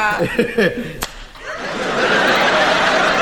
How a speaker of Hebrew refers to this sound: מכת אגרוף בבניין של המועצה.